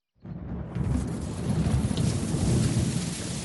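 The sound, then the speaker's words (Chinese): Steady light rain patters on glass roof tiles outdoors in the evening in a continuous, dense wash of drops, with a low rumbling undertone beneath it and no voices. “到了第3天傍晚，外面下起了雨，雨不大，雨滴子敲打在玻璃瓦上。”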